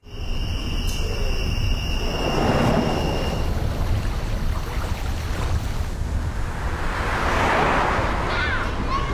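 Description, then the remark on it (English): Motorcycles ride past one after another, their loud engine roar swelling and fading twice over a constant low rumble, with a thin high whine at the start and no talking. “Oh, the sounds of summer. Please watch for motorcycles.”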